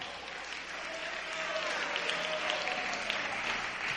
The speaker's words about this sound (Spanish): ¿Alguien puede darle un buen aplauso al Señor?